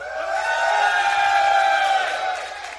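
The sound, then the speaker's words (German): A big festival crowd out on the meadows and at the cinemas, asked to make noise, roars, cheering and shouting all at once in a sustained wall of voices that swells and holds steady before easing off slightly at the end. “Pass auf, jetzt alle Leute da draußen machen einmal so viel Lärm”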